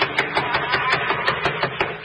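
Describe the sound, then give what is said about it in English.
Rapid knocking on a door, around ten sharp wooden raps in a quick, fairly steady rhythm, heard alone over a constant background hiss with no voices. “I'll do the knocking.”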